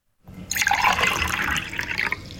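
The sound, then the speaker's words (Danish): Cold water pours steadily into a small glass and a large glass, a bright splashing stream that sets in sharply and keeps going for a couple of seconds, with no voices. “Grunden til, at der var to lyd, det var, fordi jeg hældte op i et lille og stort glas.”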